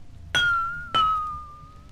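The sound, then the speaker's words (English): Two clear strikes on the lowest-pitched of a row of drinking glasses, now filled with water, each a bright ping that rings on with a steady sustained tone, the second following about half a second after the first, fairly loud. “Now I'll fill the glass with the lowest pitch, like this. Listen.”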